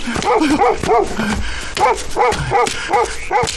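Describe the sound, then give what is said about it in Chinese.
A dog that has been set on a man to bite him barks and yelps repeatedly in quick, excited bursts, loud, with a few higher-pitched yips mixed in and no talking. “不该就不该，不该放狗咬我呀！”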